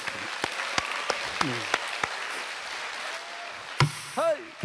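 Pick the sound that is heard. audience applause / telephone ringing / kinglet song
audience applause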